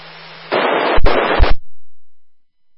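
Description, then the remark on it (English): Loud radio static hisses for about a second, broken by two sharp, cracking static crashes, then cuts off abruptly to silence. A faint low hum precedes it. The receiver shows about 5 units of noise with noise-reduction equipment switched on. “Although I hear a lot of static crashes and that's here, and I'm running about 5-ish units of noise, and I've got my my noise enhancement equipment on, so it must be really bad.”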